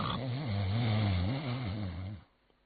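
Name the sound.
voice imitating loud snoring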